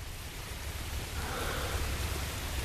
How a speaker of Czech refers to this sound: Ke všemu začíná pršet.